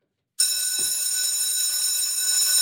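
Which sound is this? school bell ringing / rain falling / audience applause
school bell ringing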